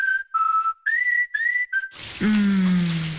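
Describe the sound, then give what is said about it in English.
A short whistled tune is followed by a shower suddenly turning on. A loud, steady hiss of spraying water runs until the end, with a low humming tone underneath. “Shower time.”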